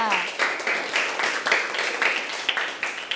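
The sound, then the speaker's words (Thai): A classroom of students claps steadily for a few seconds for a classmate who has just given an answer, a dense patter of many hands with rhythmic bursts. “โอ้โหเยี่ยมเลยค่ะปรบมือให้เพื่อนค่ะ”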